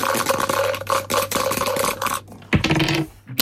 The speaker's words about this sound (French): On jette les dés et on découvre votre défi du jour, ça marche? Eh ben c'est parti. Allez top, on y va, c'est jeté.